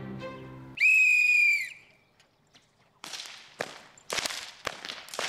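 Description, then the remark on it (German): A shrill whistle sounds, then after a short pause children in Eschbach crack elm-wood whips, softened in water, loudly several times in quick, irregular succession, sharp snapping bursts with no talking. “Im Wasser werden die Peitschen geschmeidig.”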